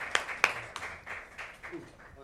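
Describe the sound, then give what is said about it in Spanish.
Applause to send off a teacher and students: a short burst of sharp, fairly evenly spaced claps, loudest at the start and softening over about two seconds, with faint murmuring beneath. “Un aplauso para el profe y para los chicos para despedirlo.”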